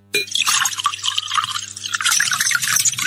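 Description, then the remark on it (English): Builder's tea pours from a teapot in a steady, splashing stream that starts abruptly and runs on for about three seconds, bright and gurgling, with no voices over it. “I brought you a nice pot of builder's tea to cheer you up.”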